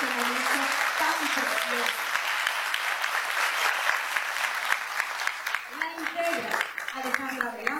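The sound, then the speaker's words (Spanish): Sustained applause from a crowd for a band, a dense steady wash of clapping that holds loud throughout, with a few voices calling out over it and tapering slightly near the end. “Quiero un fuerte aplauso para esta banda que hoy nos está dando.”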